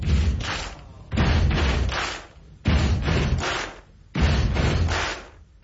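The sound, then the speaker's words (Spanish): A steady stomp-stomp-clap rhythm repeats four times: two heavy, booming foot stomps followed by a sharp, bright clap, loud and reverberant, with no voices. “El clásico golpe de pies y palmadas o aplausos se escucha en estadios de todo el mundo.”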